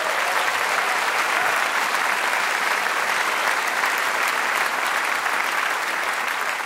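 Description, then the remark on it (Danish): Steady, dense applause from a sizable audience for Mads Storm, sustained at an even, fairly loud level for several seconds with no voices standing out. “Giv ham et bifald.”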